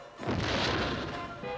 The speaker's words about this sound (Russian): Салют!